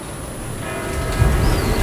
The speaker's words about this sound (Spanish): Son las 8. Mira, escucha las campanas.